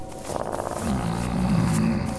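A wolf growls low and steadily for a couple of seconds in a forest, a deep rumbling snarl that swells slightly and holds, fairly loud, with no talking.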